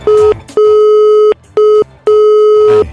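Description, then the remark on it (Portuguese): A loud telephone busy signal: a steady electronic tone pulsing on and off four times in quick succession, with no voices, just the repeating beeps of a line that won't connect. “Tá fazendo tutu.”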